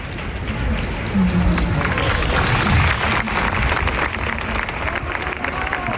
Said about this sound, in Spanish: Aquí en Sol se estaba celebrando una asamblea cuando ha llegado la noticia. Enseguida han llevado a cabo un minuto de silencio que terminaba en aplausos, como los que escuchamos ahora.